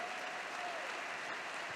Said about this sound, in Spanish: Dale sobre tu cabeza aplausos.